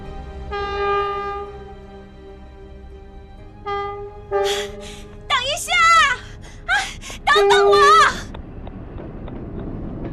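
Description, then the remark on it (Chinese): The horn of a train in Hangzhou bound for Xi'an, about to depart, gives a long steady blast, then a shorter one, followed by breathless, straining vocal sounds of a young woman panting as she runs with a huge bundle to catch the train. “火车即将出发的那一刻，他突然看见一个蓬头垢面的姑娘背着一个巨大的包袱拼命地奔跑着，追赶着火车。”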